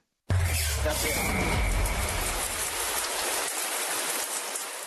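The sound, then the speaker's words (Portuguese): A shower switches on abruptly and runs in a steady, loud hiss of spraying water for several seconds, with a brief low rumble at the start. “Então, para ele aprender a ser bem entendido, vamos ver quem vai para o chuveiro.”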